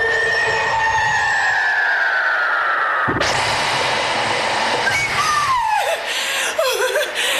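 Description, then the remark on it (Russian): A cauldron in a kitchen boils over with a sudden loud, sustained hiss and sizzle, preceded by a long falling whistle-like tone and followed by high, wavering cackling cries as a witch comes down into the kitchen howling wildly. “Котел перекипает.”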